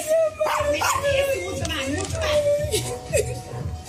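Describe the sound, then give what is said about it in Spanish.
An excited dog yips and barks as it joins in a celebration, in quick, high-pitched bursts with whiny tones, over a busy background of voices and general commotion. “El perro celebra también, ¿no? Allá está también.”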